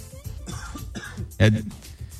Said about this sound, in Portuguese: Perdão, tive uma leve tosse.